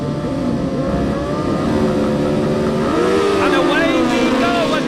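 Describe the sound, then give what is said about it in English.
Several racing motorcycle engines rev loudly together at the start line of a senior race, riders in gear and watching the start lights, their pitch climbing and wavering in a dense, continuous roar that swells toward the end. “Engage gear. Watch the lights. The revs rise.”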